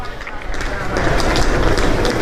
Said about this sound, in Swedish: Ljudet från rullväskor som dras över kullerstenarna är så gott som konstant. På huvudstråken mellan järnvägsstationen Bron Rialto och det ikoniska huvudtorget San Marco, åtminstone under högsäsongen på sommaren.